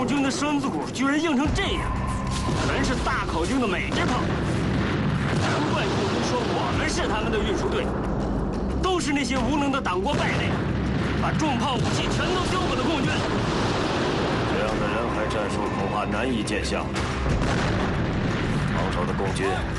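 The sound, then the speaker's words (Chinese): A dense, continuous artillery barrage from a massed group of large-calibre American-made guns on the Heishan battlefield, with heavy booming explosions rolling one after another, loud, with a rumbling roar that never lets up throughout. “在黑山战场上，我军强大的炮群正在发射，惊天动地的爆炸，炸点喷泉般的勇气，我军阵地上轻重武器一起开火，敌人像割麦似的，成片成片的倒下。”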